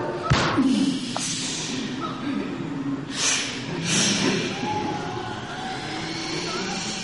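A single sharp gunshot cracks out near the start, followed by a low rumbling background and a couple of softer whooshing bursts. No one speaks.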